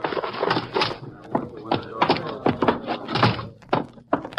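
A door is opened for people carrying a heavy man inside, amid a series of irregular wooden thunks and knocks, with shuffling movement between the heavier bumps.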